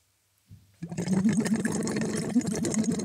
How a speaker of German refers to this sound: Und blubbern da rein. Genau. Ein bisschen höher vielleicht. Also dieser Schlauch, das ist. Mhm. Und dann? Dann wieder einatmen. Sie machen einen Ton damit quasi.